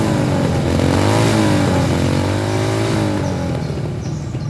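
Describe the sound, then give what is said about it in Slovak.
Motorcycles rev loudly, their engines whining up and down in pitch in continuous overlapping roars that ease slightly toward the end as they move past. “To frasa, kde sa tu berú motorky.”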